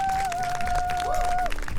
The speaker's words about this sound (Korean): 저희 앞서 공연을 보여준 … 이 자리 한번 모셔보도록 하겠습니다. 큰 박수 주시면 감사하겠습니다.